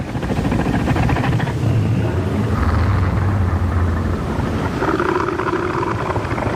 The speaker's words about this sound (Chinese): 最好的防御方式是避免发生打斗，所以雄性北象海豹会用具有威慑力的叫声警告其他雄性保持距离，划分出自己的领地。